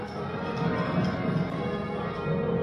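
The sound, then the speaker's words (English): A peal of church bells at All Saints Cathedral in Bathurst rings continuously in reverse rounds during a practice session, overlapping strikes blending into a steady, resonant wash of tones at moderate volume, with no voices. “Reverse rounds here.”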